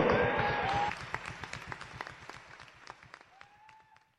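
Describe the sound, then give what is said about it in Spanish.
An audience breaks into loud applause for the Lord Jesus that starts as a dense burst, then thins into scattered, fading claps, with a brief whistle-like tone threading through. “Démosle ese aplauso al Señor Jesús.”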